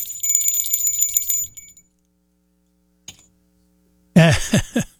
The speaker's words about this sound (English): So let's say new caller. And Dale gets the official bell.